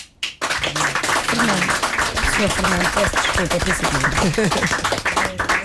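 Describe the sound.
A crowd applauds steadily for fado musicians being introduced, a dense wash of clapping that starts abruptly after a brief pause and carries on throughout, with voices talking over it.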